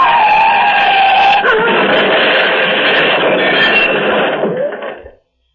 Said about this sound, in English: The car has crushed against one of the cylindrical bridge supports, rammed against it head on, and my lady and I are jammed inside.